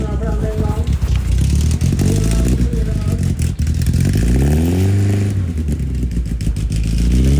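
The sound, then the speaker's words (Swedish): Folk race car engines rumble loudly and steadily in Lycksele during a big motor week, with several revs that swell upward in pitch and fall back, over a busy, clattering background. “Folkracebilar i fokus idag då det är stor motorvecka och alltså vilken otrolig stämning och gött folk där.”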